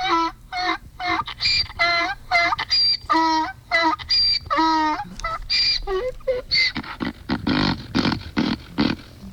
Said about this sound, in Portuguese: agora o meu jumentinho vai acordar vocês. Ê, jumento!